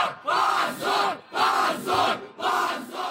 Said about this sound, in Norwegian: Skam, skam, skam, lød det fra flere hundre demonstranter utenfor høyesterett i Moskva tidligere denne uken. De protesterte etter at opposisjonspartiet Ja-blokka ble utestengt fra parlamentsvalget, som skal være om noen uker.